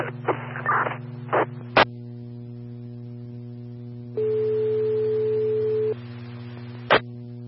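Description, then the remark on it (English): A steady emergency dispatch alert tone for a breathing-difficulties call holds for nearly two seconds over a constant electrical hum, framed by sharp radio key-up clicks and brief bursts of static, with no voices. “This is Tones for breathing difficulties at 2, road 6482.”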